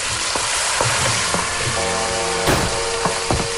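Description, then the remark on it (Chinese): Pots and pans clank and ring a handful of times at irregular intervals over a steady, loud sizzle of food frying, with a brief metallic ringing tone partway through, as a wife and children prepare dinner at home at dusk; no one speaks. “在许振华家中，妻子带着孩子们正在准备晚饭，锅碗瓢盆叮叮当当，演奏着一曲幸福的交响。”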